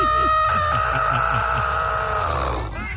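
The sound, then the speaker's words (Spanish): A person voices a chicken having its neck grabbed: one loud, strained squawk held for about three seconds, shrill and wavering, with a gurgling undertone beneath it. “Le haces giur. Entonces le hago yo giur. Como cuando le agarran el pescuezo a la gallina.”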